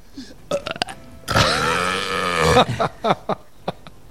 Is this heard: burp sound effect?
yes